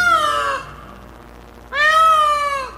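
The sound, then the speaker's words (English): A peacock calls twice, each a loud, piercing, nasal wail with rich harmonics. The first cry is short and the second longer, separated by a brief pause, with no voices present. “A peacock's tail is magnificent.”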